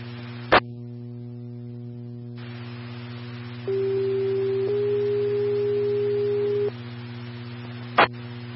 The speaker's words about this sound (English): EMS 2 test tones, EMS 2 test tones only. Does that come through okay?